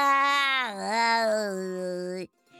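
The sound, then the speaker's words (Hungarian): A human voice imitates a cat with one long, drawn-out meow, made by the little donkey in a story disguising its voice. The meow dips in pitch partway through, then holds steady before cutting off abruptly. “És a kis csacsi elváltoztatta a hangját, és nyávogott egyet.”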